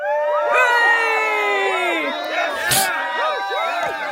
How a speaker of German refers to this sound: Jubel! Ja, und das aus gutem Grund.